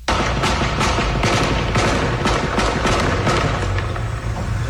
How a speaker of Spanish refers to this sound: A la llegada de la policía local y Guardia Nacional, los defensores del orden eran recibidos a balazos. Pasaban los minutos y la tensión se incrementaba. Los disparos se hacían presentes de nueva cuenta. El enfrentamiento estaba activo.